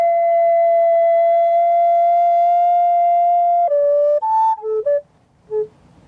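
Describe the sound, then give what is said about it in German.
A flutist plays a recorder on a lush green meadow in summer at Landsweiler Rieden: a long, steady held note, then a handful of shorter notes stepping between higher and lower pitches, with pure, airy, ethereal tones and no voices. “Eine Blockflöte. Die Flötistin Barbara Neumeier spielt sphärische Klänge.”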